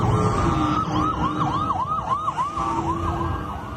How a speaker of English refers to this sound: Sirens echoed across central Israel this morning as police responded to a series of coordinated shootings that left one man dead and five others wounded. Ambulances rushed to four separate sites near the occupied West Bank boundary.